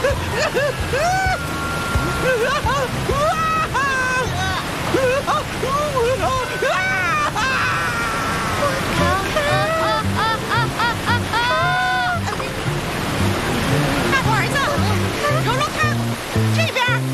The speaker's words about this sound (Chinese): 不错了，前面是赤水大瀑布。不，停下来！快停下！